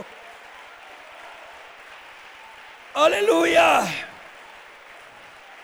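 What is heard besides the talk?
audience applause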